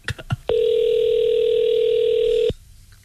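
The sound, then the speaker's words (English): A phone call's ringback tone, on a call to a cell phone store, sounds once as a steady, loud, unbroken hum for about two seconds, preceded by a few brief clicks, with no one speaking. “We're calling a cell phone store. Yeah, we're calling up. Listen. Ringing.”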